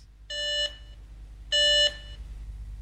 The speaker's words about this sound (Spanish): Teléfono ocupado.